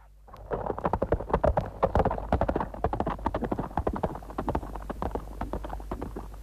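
Rapid clip-clopping hooves of a horse galloping away with a young man riding it, loud at first, a dense rhythmic pounding that gradually eases as it moves away, with no voices.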